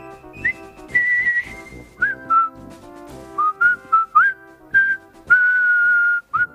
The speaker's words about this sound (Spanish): Porque lo que estamos acostumbrados, y hemos visto la maravillosa película El puente sobre el río Kwai, es el silbido.